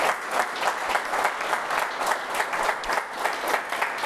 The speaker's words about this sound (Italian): un applauso anche per lei.